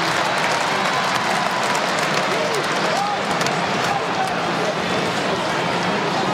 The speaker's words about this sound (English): Fans clapping along, safe in the knowledge that they will win.